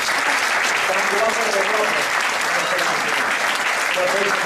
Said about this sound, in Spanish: Bueno, pues un aplauso para los seis.